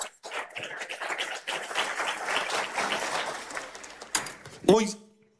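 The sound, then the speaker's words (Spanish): A crowd at a church service breaks into sustained, dense applause for the Lord for several seconds, steady and fairly loud, ending with a sharp clap and a brief voice as it dies away. “¿Cuánto un aplauso al Señor?”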